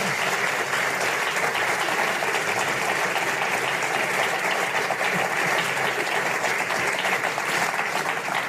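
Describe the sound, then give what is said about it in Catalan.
Sustained audience applause after a live band plays its last song, a dense wash of many hands clapping at steady loudness for several seconds with no voices rising above it. “Un aplaudiment, un aplaudiment.”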